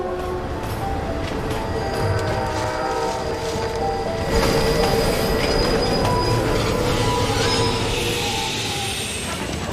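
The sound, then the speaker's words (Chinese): A train rumbles steadily along a mountain railway, winding through three Z-shaped gentle slopes on the roughly 9000-metre route between Tiekou and Xinliang stations. Its wheels squeal with sustained high-pitched tones over a continuous low clatter, loud throughout, with no voices. “从铁口站到新凉站垂直落差100米，火车盘山行驶要经过3个 Z 字形缓坡，路程大约9000米，而这两站之间的直线距离也就1000多米。”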